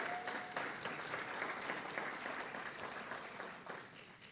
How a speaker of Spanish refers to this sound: Un aplauso para nuestro presidente de la República, el doctor Abelardo de la Espriella.